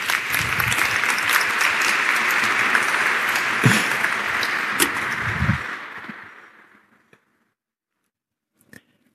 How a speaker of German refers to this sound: Wunderbar. Ein Applaus. Super.